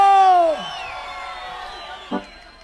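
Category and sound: crowd, crowd shouting a cheer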